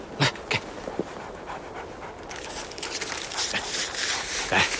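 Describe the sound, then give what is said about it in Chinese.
An injured three-legged wolf pants as its wound is bandaged with a scarf, starting with a few sharp breathy gasps, then settling into steady, rapid, ragged panting that grows louder toward the end, with no talking. “三腿狼，我给你包上啊，包厚点，再勒紧点。”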